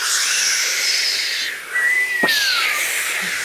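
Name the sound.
storm wind at sea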